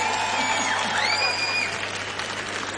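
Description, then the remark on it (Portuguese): A concert audience applauds in a steady, dense wash of clapping that holds at an even loudness throughout, with a shrill whistle-like tone sliding upward partway through. “Uma salva de palmas já para vocês.”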